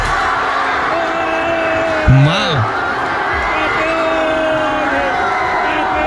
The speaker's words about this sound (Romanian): Și ne-a scris cineva care este în Vila Real, salutări din Spania, și ne-a trimis un video. Hai să-l auzim, să-l vedem, să vedem cum s-au bucurat spaniolii și nu numai, toți cei care au fost pe acolo.